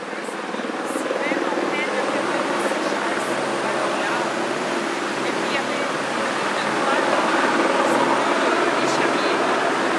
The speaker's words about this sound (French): On va s'arrêter alors. Ben oui, si l'hélicoptère arrive, on va devoir s'arrêter.